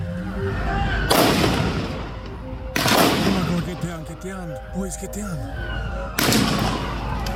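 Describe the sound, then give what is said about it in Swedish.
Three loud, sharp gunshots ring out a second or more apart, drawing ever closer, each with a lingering echo, while a wavering human voice sounds faintly between them over a steady low rumble, during a shooting near the ocean. “Skotten kommer allt närmare.”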